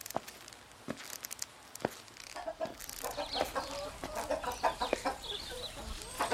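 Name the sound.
chickens clucking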